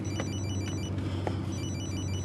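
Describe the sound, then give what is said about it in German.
A telephone rings with a steady, repeating electronic trill throughout, over a constant low hum, with no one speaking. “Vater, jetzt gang ans Telefon.”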